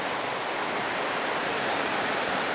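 A mountain waterfall rushes in a steady, dense, loud roar of white water, a torrent flowing below a glacial rock step through a small gorge amid vegetation, with no pauses or other sounds breaking through.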